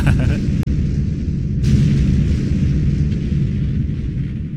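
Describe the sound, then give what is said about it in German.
Fireworks go off in a dense, rumbling barrage, with a sharp crack early on and another bright burst soon after, over a continuous deep roar of booms and no voices. “Das Feuerwerk ist startklar? Aber sicher, du kannst es hören in 3, 2, 1.”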